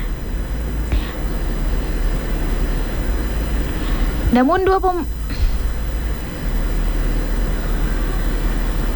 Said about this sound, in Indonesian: Setibanya di Oslo, pesawat yang membawa skuad Norwegia mendapat sambutan khusus berupa penghormatan semprotan air atau water cannon salute. Tradisi tersebut biasanya diberikan untuk momen-momen penting.